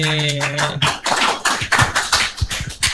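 Enthusiastic audience applause, a dense burst of many hands clapping with sharp, irregular percussive slaps; a brief low sustained tone fades out at the start as the clapping takes over.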